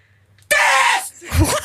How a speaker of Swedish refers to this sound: Och så där lät det när jag skrek.